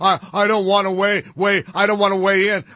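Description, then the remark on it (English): A woman hums a short wavering tune in two steady phrases with a brief pause between, fairly loud, with no spoken words, as she is asked about a political candidate. “did you see her when she was asked about Graham Plattner? You know, believe all women? Humming.”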